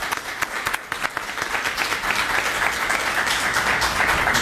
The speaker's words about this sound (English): And I want the audience to give a special round of applause for those folks here. Thank you.